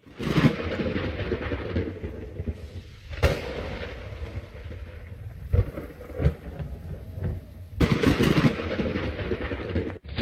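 Steady hiss of heavy rain with several loud, rumbling thunderclaps breaking through, the last long roll building toward the end. No voices.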